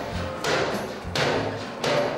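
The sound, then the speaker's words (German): A bear named Teddy gives three heavy, booming knocks on an enclosure door, evenly spaced about two-thirds of a second apart, loud, with a low rumbling background and no talking. “Teddy klopft schon mal an.”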